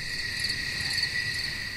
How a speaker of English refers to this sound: The sound of those crickets.